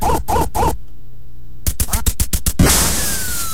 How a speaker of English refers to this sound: You remember the Nintendo Entertainment System, the NES, the first one that came out? Remember it shipped with the game Duck Hunt, right? You remember this one? Right on that dog and you're shooting the ducks and...